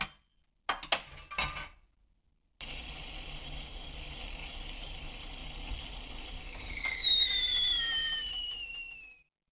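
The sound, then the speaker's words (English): A few quick clinks, then a kettle lets out a loud, shrill, steady whistle that holds for several seconds before its pitch slides downward and it cuts off. “Oh, let's get the kettle on.”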